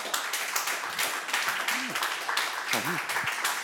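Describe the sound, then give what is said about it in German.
An audience at a music listening session applauds in advance to vote for hearing the Cleveland recording under George Szell once more at the end. The clapping is dense and steady and lasts the whole clip. A couple of brief voices call out over it. “Ich habe einen Vorab-Applaus gehört.”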